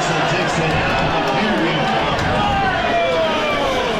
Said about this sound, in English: Yeah, the defender there, you could hear the crowd react. That was the boundary safety, Tyler Davis, who was locked up in the tackle.